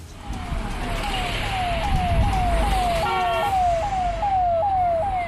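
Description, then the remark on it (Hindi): Vehicles of a long ministerial car convoy rumble past steadily while a siren repeats a quick rising wail over and over, loud, with a short horn blast partway through; no one speaks. “तीसरी, चौथी, पांचवी, छठी, सातवीं, आठवीं गाड़ी से मंत्री उतरे, बाकी तो पीछे पूरा और लंबा काफिला है ही।”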